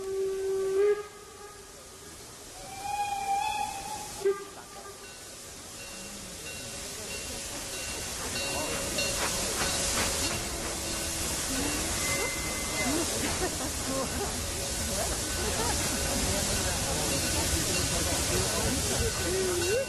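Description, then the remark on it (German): A two-cylinder steam locomotive gives a few short whistle blasts, then releases a loud, steady rush of hissing steam that builds and continues to the end. “Hier haben wir es aber mit einer 2-zylindrigen Variante zu tun.”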